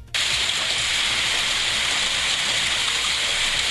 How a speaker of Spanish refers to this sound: Fuerte, che, fuerte. Con mucha lluvia, ni idea. Mucha lluvia y mucha piedra, aunque no tan grande, pero bueno, el granizo, ahí está.